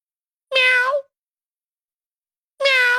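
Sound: imitated cat meowing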